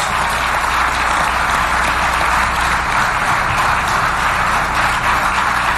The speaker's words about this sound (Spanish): Un aplauso a la presidenta Claudia Sheinbaum.